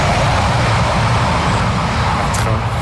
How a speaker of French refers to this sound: On pourra couper, il n'y a pas de souci, le train. On pourra garder le train parce qu'il faut savoir qu'il y a des trains qui passent très régulièrement juste à côté du camp. Ils sont vraiment juste à côté.